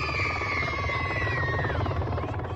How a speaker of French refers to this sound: Au loin, un bruit se fait entendre depuis les airs. Un hélicoptère atterrit spécialement pour les enfants.